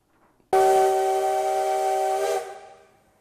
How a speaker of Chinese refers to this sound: 随着汽笛声响起，浓浓黑烟升起，花莲玉里火车站的月台瞬间变成了铁道迷朝圣的现场。